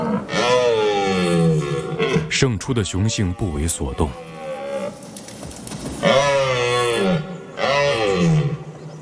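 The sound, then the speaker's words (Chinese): A male European red deer roars during the autumn rut at its breeding ground, having just beaten an older rival: long, deep bellows that slide downward in pitch, a burst of rapid grunting in between, then two more loud, drawn-out roars. “这只雄性欧洲马鹿刚刚打败了一个年老的对手，取得了主导地位。”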